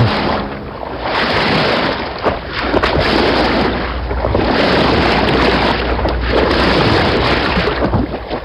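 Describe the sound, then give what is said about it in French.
A boat travelling on a river through Paris in October 2025, with a steady broad rush of engine and water noise plus gusting wind buffeting the microphone, loud and continuous throughout with no talking. “Octobre 2025, la fillonnerie traverse Paris. Sur le pont du bateau”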